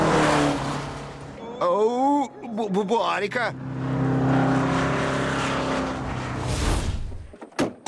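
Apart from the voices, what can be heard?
car accelerating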